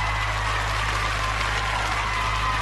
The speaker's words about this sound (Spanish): ¿Sabes qué? Este aplauso va para usted. Este aplauso va para usted.